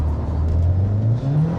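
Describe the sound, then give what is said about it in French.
A front-wheel-drive car with a manual gearbox and about 320 horsepower launches hard from a standstill using launch control for a timed lap, with a brief wheelspin, its engine roaring loudly and climbing steadily in pitch over a low, continuous drone, with no voices. “Ah, ça patine quand même.”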